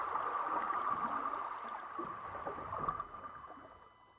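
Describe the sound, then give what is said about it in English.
River water of the Spree laps and sloshes around a floating arts platform in a steady wash, with occasional soft splashes and knocks, gradually easing slightly toward the end. No voices. “on Insula, the floating arts platform on the Spree River”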